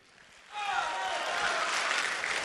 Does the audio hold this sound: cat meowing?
no